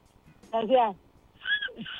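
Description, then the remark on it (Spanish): A person whistles a call in two short bursts, each with a warbling, wavering pitch and a gliding tail, fairly loud, with a brief pause between them and no words spoken. “Entonces, ¿cómo le chiflabas cuando se te calentaba el alma?”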